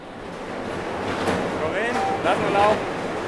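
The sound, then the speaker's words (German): A loud baggage conveyor system runs in a hall with a steady, dense mechanical roar at a constant noise level of almost 100 decibels, while brief high-pitched squeals and whines cut in partway through. “In der Anlage herrscht ein ständiger Lärmpegel von fast 100 Dezibel. So laut wie eine Kettensäge.”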